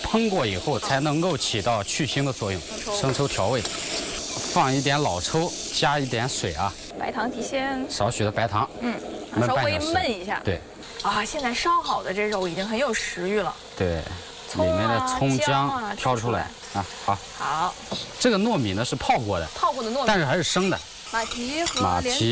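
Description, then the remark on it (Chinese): Steady, crackling sizzle of meat frying with ginger slices in a hot, oiled wok, with the scrape and toss of stir-frying until lightly golden before seasoning, running continuously under people talking throughout. “来过一下这姜片， 加肉炒一炒， 煸炒出来有点微黄的时候，然后再调味。”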